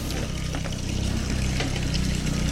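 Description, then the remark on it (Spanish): Water pours and splashes steadily as people collect it from a river spout, the Chorro de Rifari, during a week-long water shortage, with a continuous low rumble like a running pump or engine underneath and no voices. “Están las personas juntando el agua, ya que es prácticamente una semana sin agua y la cisterna no llega por algunas zonas.”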